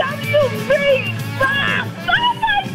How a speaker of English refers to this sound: Oh, oh my God. Sorry. Even the dog is cheering.